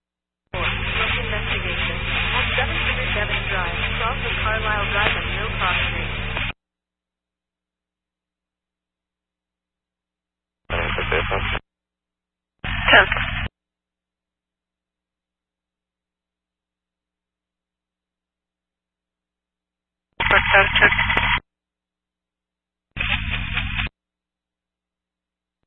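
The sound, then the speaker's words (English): Bursts of crackling, band-limited radio static: one long stretch of about six seconds, then four short one-second bursts separated by silence, fairly loud and harsh each time. “Oh, I got the static.”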